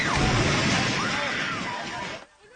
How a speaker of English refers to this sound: That reaction as the Templars sent a building tumbling and crumbling.